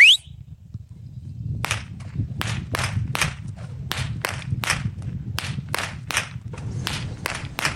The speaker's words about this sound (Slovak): Ako inak sa z Bobrovca, zo Saláša Pastierska rozlúčiť ako týmito chlapmi a ich bičmi. Chlapi!